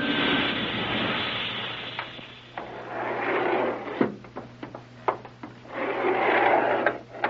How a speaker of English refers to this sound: Hey, wait a minute. Sounds like another elevator coming.